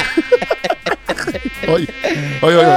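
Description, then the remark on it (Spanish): A high, nasal whining buzz, fairly loud, rising and falling in short wavering bursts before a steadier drone at the end, sounding like a voice imitating a mosquito. “Oye, el zancudo te canta la...”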